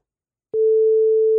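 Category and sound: signal or alarm, telephone ringing tone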